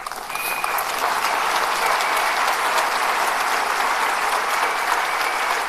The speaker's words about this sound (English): Yeah, she deserves your applause.